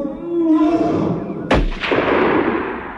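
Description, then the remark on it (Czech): A single loud rifle shot, fired by a captain at dusk on a jungle trek, cracks out midway, sharp, its blast trailing off into a long rumbling echo. Before it comes a low, droning growl-like sound. “To byl výstřel v pravou chvíli, kapitáne.”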